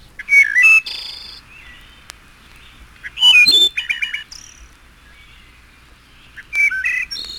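A wood thrush sings three separate flute-like phrases, each a few clear whistled notes ending in a rapid, buzzy trill, with short pauses between them. The song is clear, with no other sounds.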